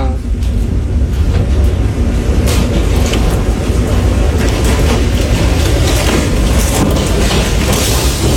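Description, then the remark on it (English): A tornado outside a house roars like a freight train, a deep, relentless rumble that stays loud the whole time, with gusty bursts and crackling noise riding on top, while the house visibly shakes. “Bro, there's a tornado outside right now.”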